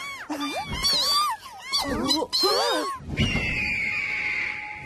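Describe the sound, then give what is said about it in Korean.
A golden eagle, flying low, gives several loud, wavering screeching calls in quick succession, then a steady high whistling tone with rushing noise carries on to the end. “근데 왜 이렇게 우는 거냐, 핑?”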